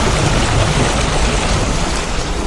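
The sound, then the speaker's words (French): Water laps gently and continuously, a steady soft wash with a deep rumbling undertone and no distinct individual splashes. No voices are heard. “Voilà, un doux clapotis des flots.”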